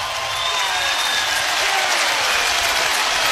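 A large baseball crowd roars and applauds in a dense, steady wall of noise, clapping and cheering swelling slightly louder toward the end with no pause, as Nebraska Huskers fans rise to their feet with two strikes in the ninth inning against the Jackrabbits.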